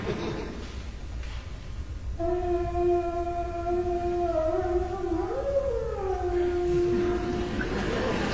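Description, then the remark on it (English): Half-pressed piano keys produce an eerie, howl-like cry: one sustained, reedy tone that swells in after a quiet start, bends upward in pitch midway, then settles and fades. “you take the vowels and you press them down halfway, and you get this sound that sounds like maybe like a distant animal scream or cry, or maybe it's like a signal from outer space.”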